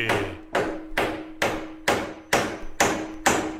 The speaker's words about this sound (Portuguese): Na Wonder até o martelo é afinado, hein? Viu?